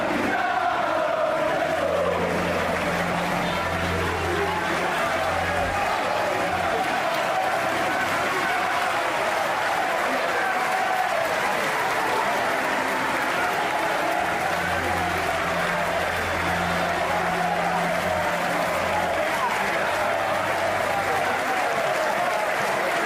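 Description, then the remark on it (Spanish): Hundreds of fans gathered outside clap steadily and chant together to bid farewell to rossonero legend Franco Baresi, a dense, sustained wash of applause and massed voices filling the whole stretch at a loud, constant level. “Afuera, cientos de aficionados esperaban para despedir a la leyenda con cánticos y aplausos.”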